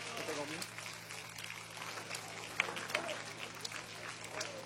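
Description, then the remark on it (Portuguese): An audience at a church service claps together to welcome a preacher, a steady, dense patter of hands, with a few sharper claps standing out and voices murmuring underneath throughout. “Já vamos receber o servo de Deus com palmas bem forte, bem alegre para Jesus.”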